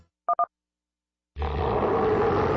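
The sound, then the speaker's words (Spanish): Two quick electronic phone-dial beeps, then after a short silence a loud, sustained, deep tiger roar rumbles in and continues to the end. “La Ciudad de México muy pronto se estremecerá con el rugido más poderoso del regional mexicano.”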